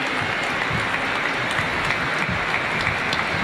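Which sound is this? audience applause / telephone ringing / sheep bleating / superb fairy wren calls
audience applause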